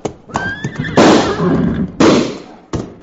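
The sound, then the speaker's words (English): A horse gives a shrill, wavering whinny, then three loud, sharp gunshots crack out in quick succession, each trailing off into a rough, noisy decay. “Ma, Cherokee, slap his horse's flanks, quick!”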